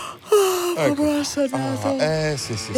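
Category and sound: human body sound, yawn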